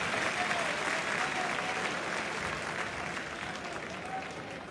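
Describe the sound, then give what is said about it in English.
A large crowd at a night-time Kentucky Wildcats college baseball regional game applauds and cheers steadily, a dense wash of clapping and voices holding at a loud, even level for several seconds before easing slightly. “Great crowd on hand here tonight. Wild atmosphere.”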